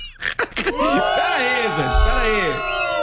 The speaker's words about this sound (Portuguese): Pera aí. Sem vaiar, pera aí.